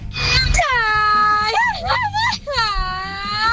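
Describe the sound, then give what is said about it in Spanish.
A Mexican charro yell: one loud, sustained cry from a single voice, rising, wavering into a warbling trill midway, then drawing out again in a long, slightly sobbing wail. “tenemos otro grito de charro. Este lo manda Mili.”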